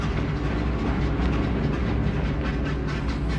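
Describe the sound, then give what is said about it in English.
A train headed for Moscow, boarded by Mao on December 6th, 1949, clatters steadily along the rails, a continuous loud rumble with a faint rhythmic clack running through it. No one speaks. “On December 6th, 1949, Mao boarded a train headed for Moscow.”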